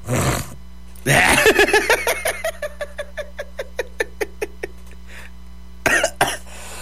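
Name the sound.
coughing fit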